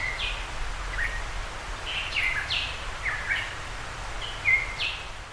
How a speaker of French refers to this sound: Oiseau endémique de Tahiti, monarque de Tahiti, un petit oiseau noir très rare vivant dans les forêts humides. Il est en danger critique d'extinction.